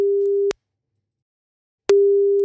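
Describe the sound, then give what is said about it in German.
A phone's ringback tone after a number is dialed and a call is placed: a steady, clean electronic tone sounds, breaks off into about a second and a half of silence, then starts again, clear. “Ich tippe die Nummer mal eben ein und dann hoffen wir mal, dass er auch ans Telefon geht, denn das ist, wie sagen wir immer so schön, Grundvoraussetzung.”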